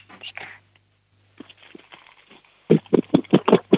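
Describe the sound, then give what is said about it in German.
After some soft whispering, a 7-year-old girl knocks two plastic storage boxes from her mother's kitchen together about seven times in quick, fairly regular succession, loud and hollow. “Ja, dann hol da mal zwei raus und klopf sie so aneinander.”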